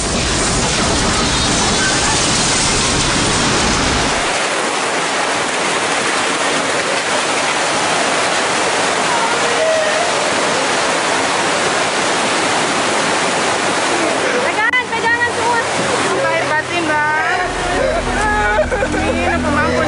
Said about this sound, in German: Da die Gegend hier sehr flach ist, strömt das Wasser bis zu 5 Kilometer ins Landesinnere. Die Flutwelle reißt alles mit, was sich ihr in den Weg stellt.